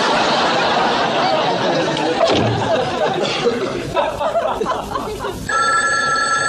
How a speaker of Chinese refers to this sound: 他们干嘛不接电话？